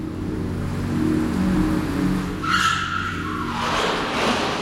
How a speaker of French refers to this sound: Un grondement sourd se fait entendre. Un moteur, il s'approche.